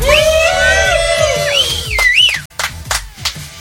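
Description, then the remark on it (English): A group of people at a campsite at Clear Creek, Eagle's Landing, yell and whoop loudly over one another, their voices swooping up and down in pitch, with a few sharp claps or knocks near the end. “Yeah, we're talking about silence, even though we're also yelling.”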